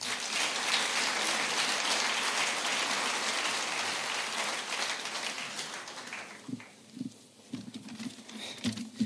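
An audience of about 700 filling a theater applauds a host in a dense, steady roar of clapping for about six seconds, then it thins out and fades to a few scattered claps and faint murmurs.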